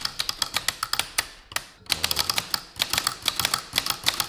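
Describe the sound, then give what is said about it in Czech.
Rapid, uneven clacking of mechanical typewriter keys, crisp, with a brief pause in the middle before the steady tapping resumes. No voices. “Historický zvuk, který už se nám ze světa málem ztratil, tak to je unikát.”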